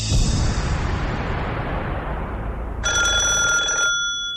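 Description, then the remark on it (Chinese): A broad rushing noise fades away, then a telephone bell rings loudly in one rapid, metallic burst lasting about a second as a call comes in. There are no voices. “安在天把电话打过来的时候，铁院长正在开会，桌前坐满了人。”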